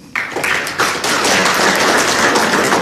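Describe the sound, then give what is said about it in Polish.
A crowd at an exhibition bursts into applause for Agata Lankamer, dense overlapping clapping that starts abruptly and holds steady and loud throughout, with no voices heard. “Agata Lankamer, która miała być z nami, ale tkwi w pociągu prawdopodobnie, więc brawa dla Agaty Lankamer, która jedzie pociągiem.”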